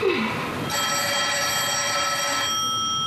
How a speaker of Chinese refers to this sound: 一定是你爸来的电话，找你的。 哎呀，我一点力气都没有了，你去替我接吧。